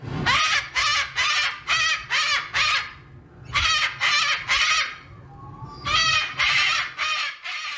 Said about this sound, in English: That is a cockatoo.